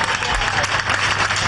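Sustained applause from a crowd, a dense steady wash of many hands clapping at once, fairly loud and continuous with no voices standing out, greeting the 300 residents of Aldea del Fresno who were evacuated because of a fire and can now return to their homes.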